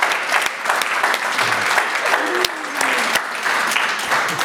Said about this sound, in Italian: Merita un applauso.